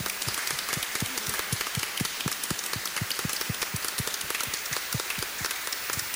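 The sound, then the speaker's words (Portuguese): A church audience at a baptism applauds together to welcome the child being baptized and her family, a steady patter of many hands clapping, sustained for several seconds with no voices over it. “com uma bonita salva de palmas, bem bonito,”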